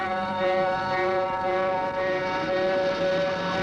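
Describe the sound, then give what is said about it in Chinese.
A police car siren sounds loud as the police car aggressively gives chase, holding a steady, sustained wail with a rich, buzzing tone for the whole stretch, with no voices over it. “警车气势汹汹地追来了。”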